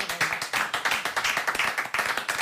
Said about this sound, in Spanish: Un fuerte aplauso para nós.